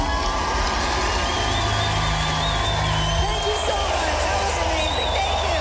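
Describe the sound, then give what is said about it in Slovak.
Loud, steady applause from a large crowd fills the whole stretch, mixed with cheering, whoops and high whistling shouts, with a low droning tone briefly underneath. “Ale áno, budeme sa vedovať napríklad tomuto potlesku.”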